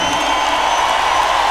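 An audience bursts into loud, sustained applause mixed with cheering and whoops, a dense, continuous wash of clapping and shouting that holds steady throughout.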